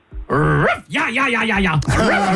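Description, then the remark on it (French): A person loudly imitates a German shepherd barking for others to guess: three harsh voiced bursts, the middle one drawn out and wavering like a growl, with no other sounds around them. “Excellent, bien sûr, le berger allemand.”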